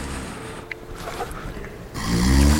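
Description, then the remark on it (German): A man snores, a low rasping rumble that swells into one loud snore near the end, with no talking around it. “Warum kann der nicht aufhören zu schnarchen, der blöde Sack?”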